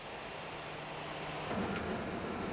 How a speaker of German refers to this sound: Ein Verkehrsflugzeug auf dem Weg zur Startbahn.